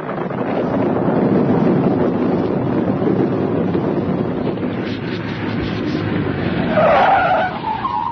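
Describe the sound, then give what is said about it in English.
A car rumbles along a road at night in a lightning storm with a steady, wind-like roar, then its tires squeal sharply in a high-pitched skid near the end as it brakes to a stop for two men waving at the roadside. No one speaks. “Talking to myself to keep awake, when suddenly there's a flash of lightning, and I see two men standing at the side of the road and waving to me to stop.”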